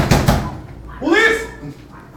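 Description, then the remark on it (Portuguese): Two heavy, booming thuds hit in quick succession as police kick in the door of a residence at night, followed by a loud, rising shout of "Police!" “O pessoal já meteu o pé na porta, já meteu o pé na bica, o camarada já chegou.”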